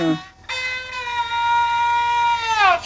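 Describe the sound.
A zhuihu fiddle mimics a rooster's crow: a single long, bright, nasal bowed note held steady for about two seconds, then swooping downward at the end, loud and unaccompanied.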